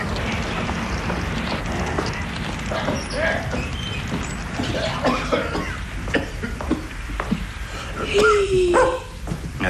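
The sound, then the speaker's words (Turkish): A big dog with muddy paws gives a few short, scattered barks over a steady hiss of heavy rain, with some coughing-like sounds and a brief high whistle near the end. “Odanın içine koca köpek sok.”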